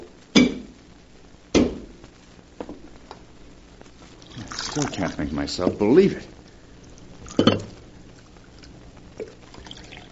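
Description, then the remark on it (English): Alpha pours coffee into a cup for Dr. Dale in a steady, gurgling stream for about two seconds, framed by a few sharp clunks of crockery, while a man speaks briefly. “He looks clumsy, but he poured the coffee as well as a man could.”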